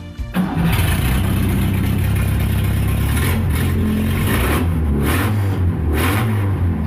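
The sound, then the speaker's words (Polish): A Fiat 125P car engine starts with a sudden roar, then runs loud, with its rough mid-pitched rumble swelling in several revs over a steady idle. No voices. “Ale już mamy Fiata 125P silnik.”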